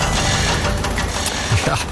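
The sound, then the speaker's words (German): Construction site machinery in Switzerland fills the two seconds with a loud, steady rumble and mechanical clatter, engine drone underneath and a few sharper knocks near the end. “Das hier, das ist sozusagen der Soundtrack von der Schweiz. Ein Land der Baustellen sind wir.”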